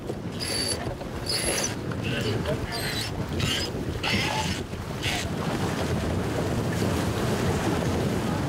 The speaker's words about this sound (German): Der Wind nimmt weiter zu.